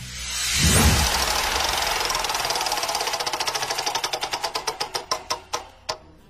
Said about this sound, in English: All right, so let's spin the wheel and check out which question we'll be landing on next.